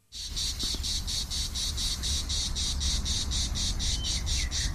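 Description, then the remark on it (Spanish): A cicada sings loudly in a steady pulsing buzz, rapid regular throbs repeating without pause over a low background hum, with no voices. “Aquí estamos escuchando a la cigarra, un animal que también, aunque no lo creas, lo podemos escuchar en nuestro entorno, sí, sí, en los días más calurosos igual.”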